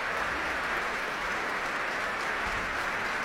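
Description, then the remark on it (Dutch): Sustained applause from a concert audience for the whole orchestra and the performers Slobodenjuk and Sejong Yun Cho, a dense steady wash of many hands clapping at an even loudness throughout, with no voices rising above it. “Om dit grote applaus in ontvangst te nemen.”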